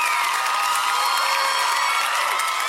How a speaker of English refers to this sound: This is going to be a good night with that rapturous applause for the first song.